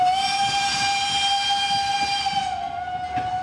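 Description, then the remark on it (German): A steam train's whistle gives one long, loud, steady blast over a hiss as the train at Heiligenberg sets off on its return trip to Bruchhausen-Vielsen, then dips slightly in pitch and fades near the end, with no voices. “Und der Dampfzug, der in Heiligenberg auf ihn gewartet hat, kann seine Rückreise nach Bruchhausen-Vielsen fortsetzen.”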